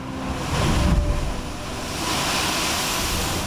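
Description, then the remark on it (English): Big ocean waves surge through a sea blowhole near a wall at El Bufador, a wild cave. A deep, muffled boom swells early on, then gives way to a steady, loud rush of churning water and spray, with no voices. “It's named for the sound made by the blowhole near the wall when big waves impact, like boof.”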